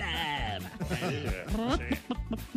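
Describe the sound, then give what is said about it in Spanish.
A person imitates a rooster crowing with a loud, wavering, drawn-out call, mixed with other animal-like vocal noises in quick succession, energetic. “Llega la vaca, el chivo, el gallo,”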